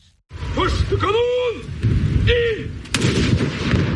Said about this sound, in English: At midday, cannons fired over Oslo as a salute to the dead monarch.